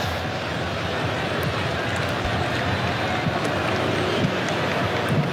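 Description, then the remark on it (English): A large stadium crowd at a football match involving Morocco roars and cheers, happy at a reprieve from the sunshine, in a steady, dense wash of sound that holds at the same loud level throughout, with no single voice standing out. “And the crowd, you hear the big cheer from them.”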